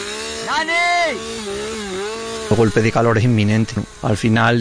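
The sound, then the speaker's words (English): A chainsaw engine revs up and settles into a steady, buzzing drone as chainsaws are used while fighting a fire. Choppy bursts of voices follow over the continuing machine noise. “We beat the fire and used chainsaws.”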